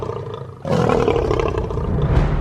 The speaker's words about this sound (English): So the louder the roar, the better. In fact, a lion's roar can be heard up to 8 kilometres away. Lions use their impressive roar to warn rivals and to instill fear into all who hear it.